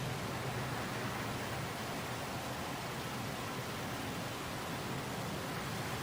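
A constant, dense roar on an aircraft carrier deck as Harrier jets and helicopters take off and land, broad and hissing with a rumbling low end, holding steady without breaks for several seconds. No voices are heard.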